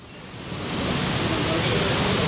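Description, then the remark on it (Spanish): Heavy rain pours down on an open-air stadium in a dense, steady hiss that swells slightly at the start and then holds constant, filling the whole scene without any distinct drops or pauses. “Estamos viendo cómo cae agua, ¿cuál es de agua? Yo creo que se oye el agua, ¿no?”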